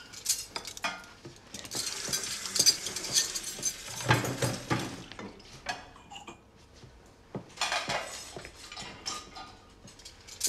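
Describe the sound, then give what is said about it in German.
Cutlery and dishes clatter and clink as the cutlery basket is put into the kitchen sink, a steady run of sharp metallic knocks and scrapes with brief pauses, no voices. “Das Besteck auch? Ja, gib mir bitte den Besteckkorb. Dann tue ich gleich ins Spülbecken, da muss man sich nachher nicht so oft bücken.”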